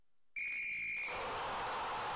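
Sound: whistle blast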